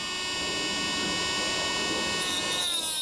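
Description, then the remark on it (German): A high-pitched diamond-cutter grinder whines steadily and loudly for the whole stretch as an alpaca's overly long teeth are ground shorter, its tone shifting slightly near the end as it bites into something hard. No voices are heard. “Skibrille auf, Motor an. Was Diamanten schneidet, geht auch durch Alpaka-Zähne.”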